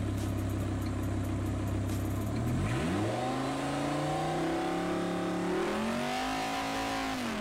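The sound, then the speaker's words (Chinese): A car with a modified exhaust pipe idles with a deep, steady rumble, then revs hard, its pitch climbing and holding in a loud, raspy roar, with a second surge near the end, during a noise test by a professional testing agency for traffic police near Qinghai Road; peak 125.7 decibels, average 120. No talking. “经现场检查，该车辆排气管有明显改装痕迹，交警随即安排专业鉴定机构对车辆进行了检测。”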